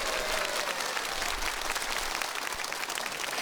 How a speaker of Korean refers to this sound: 네, 고민정 아나운서 새로운 국악 한마당의 안방마님인데요. 방송 잘 이끌어 달라는 의미로 여러분 뜨거운 박수 부탁드리겠습니다.